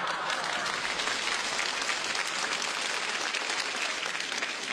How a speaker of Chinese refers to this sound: 其实我心里明白，您这掌声是欢送主持人下场。